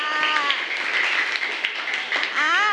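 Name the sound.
audience applause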